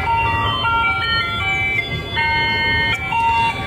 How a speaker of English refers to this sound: Yes, I hadn't heard this since I was a kid. That is an ice cream truck.